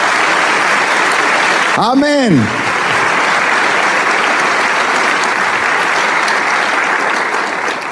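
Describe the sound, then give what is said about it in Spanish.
An audience applauds the King of Kings steadily throughout, a dense wash of clapping at constant loudness, with a single voice briefly calling out over it near the start. “¿Por qué no le damos un aplauso al Rey de Reyes?”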